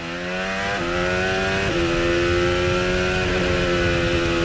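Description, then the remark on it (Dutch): A loud hybrid racing car engine holds a steady buzzing drone, with two abrupt pitch steps about a second apart as it shifts down gears while braking into a corner, recharging its battery. “Terugschakelen opladen, terugschakelen opladen, aanremmen.”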